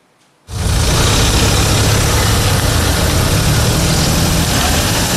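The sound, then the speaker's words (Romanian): After a brief quiet moment, a steady, loud rumble of car engines idling in the queue at the toll station of the Giurgiu–Ruse bridge sets in and continues unchanged, with a deep low hum and broad mechanical noise, no voices. “Șoferii așteaptă chiar și 20 de minute la stația de taxare pentru trecerea podului Giurgiu Ruse.”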